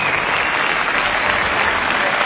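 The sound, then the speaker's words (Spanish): Steady, dense applause from a crowd for Canobra on sound, many hands clapping at once in a continuous loud wash with no pauses, filling the full stretch without any voices rising above it. “Fuerte aplauso a Canobra en el sonido, fuerte aplauso acá.”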